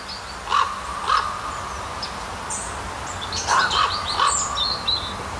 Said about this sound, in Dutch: de roep, of misschien wel de communicatie van een raaf. Ik hoor twee tonen. Dat heeft vast een betekenis, schreef Menno Terlouw ons deze week.